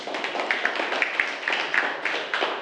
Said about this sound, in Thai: ขอเสียงปรบมือให้กับกลุ่มที่3ด้วยค่ะ